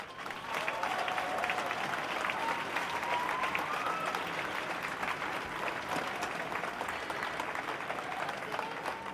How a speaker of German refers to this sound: Und zwar wird eine Person für Mut über die Verbindung von Faschismus und Ableismus reden. Großen Applaus bitte.